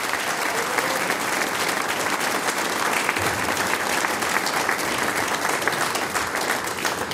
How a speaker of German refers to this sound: Und die Burgenland Blechkuvee, die sechs Herren, kriegen natürlich auch noch einen großen Applaus.